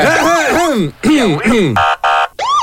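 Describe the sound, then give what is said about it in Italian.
A wake-up alarm record plays loudly: wailing, swooping tones rise and fall, then two flat, harsh buzzer blasts, and the swooping wail starts again. “allora metto il disco sveglia che mi ha suggerito il mio amico Manuel”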